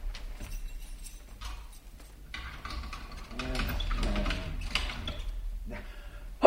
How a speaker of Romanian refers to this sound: să închid ușa cu cheia.